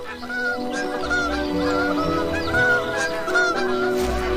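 At dawn, as bar-headed goose goslings hatch, bar-headed geese call in a steady chorus of low, short, nasal honks that repeat and overlap throughout, fairly loud with no voices present.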